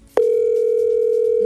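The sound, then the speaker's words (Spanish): A telephone ringing tone for a call that goes unanswered starts abruptly and holds as one steady, loud, unbroken electronic hum through to the end, with no voices. “No contesta.”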